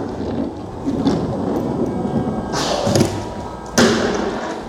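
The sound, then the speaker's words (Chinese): A small toy piece drops onto the floor during play with a toy train set, making a few dull thumps and clattering knocks, the last one sharpest, over a steady background hiss with no talking. “啊，你那个掉在地上的，要不要拿起来？”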